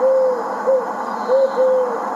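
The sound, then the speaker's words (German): An eagle-owl hoots repeatedly, four or five low, steady tones in an even rhythm, clear with no voices. “Lieber Uhu, warum bin ich so hässlich?”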